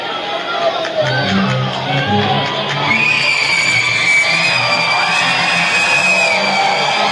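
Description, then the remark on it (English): A dense, steady roar of a baseball stadium crowd cheering and making noise in the 8th inning of a game tied at 5, with scattered whistles and shouts rising above the wash of voices and no individual speech standing out. “Maybe the crowd's having some effect on them. Making some noise for sure.”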